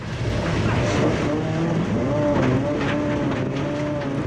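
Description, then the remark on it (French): A 5-metre-long rally car roars along at speed at the Domaine de Galicée rally training ground, its engine loud and steady with revs climbing and dropping in pitch, over a constant rush of road and tire noise. “J'ai pas envie de descendre de la voiture, tellement je prends du plaisir.”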